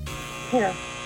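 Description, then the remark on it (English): A single short quiz buzzer sounds during a trivia quiz, a brief mid-pitched electric buzz lasting about a fifth of a second, rising clearly above a quiet, steady background. “Oh, the buzzer.”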